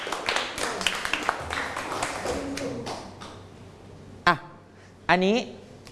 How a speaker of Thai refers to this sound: นั่งลงปรบมือให้กับเพื่อน